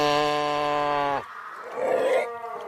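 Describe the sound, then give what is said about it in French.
Seals calling underwater near Hamburg, Germany: one long, loud droning moan with a buzzy, harmonic tone, followed by a rougher, breathy growl that fades out. No one speaks. “Et ça, ce qu'on entend, en fait, c'est des phoques qui se trouvent, voilà, exactement.”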